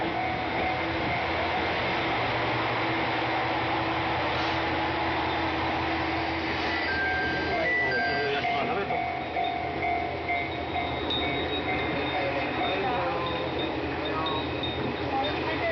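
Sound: train arriving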